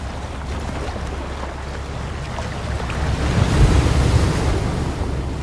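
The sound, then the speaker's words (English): Rough surf of the Southern Ocean churns continuously with strong wind buffeting the microphone, a broad roaring wash that swells louder midway as a wave surges through, with no voices present. “Wildest of all, the Southern Ocean, home of the albatross.”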